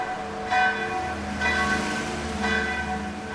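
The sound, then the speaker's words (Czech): The bells of the old Serbian Orthodox church of Saint Michael in Sarajevo, Bosnia and Herzegovina, ring to call to mass in a steady, repeating peal, each stroke arriving about once a second with rich, lingering overtones that blend into a continuous shimmering wash. Fairly loud, with no talking. “Zvone cerkwie, kotara šporada neskeri z 5. stoliša, vovaju namšu, ale nichten nepšižo.”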